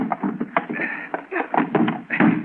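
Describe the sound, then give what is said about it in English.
A heavy desk is shoved across the floor and bumped against a door, with a run of knocks, thuds and scraping over about two seconds, while muffled voices are heard underneath. “help me push the desk against the door.”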